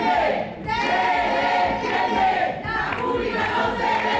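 A crowd of students shouts protest slogans in favour of the public university at universities councillor Jorge Paradela, stopping his speech, in loud, sustained bursts of massed voices, with brief dips between chants before the yelling surges again.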